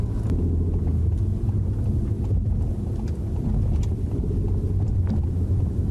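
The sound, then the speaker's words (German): Steady low engine rumble and road noise from inside a car driving through city traffic, loud and continuous, with faint passing traffic sounds and no talking, as it passes a traffic light at green on a 4.5 km route with 11 traffic lights. “Und da war schon die erste Ampel, die wir bei grün überfahren haben.”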